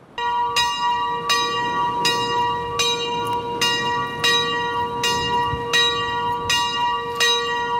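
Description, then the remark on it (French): A church bell tolls in a valley at a slow, steady pace during a minute of silence at a memorial gathering, about eight strikes, each ringing out with long resonant overtones that linger and overlap, with no voices present. “Une minute de silence, les cloches sonnent dans la vallée.”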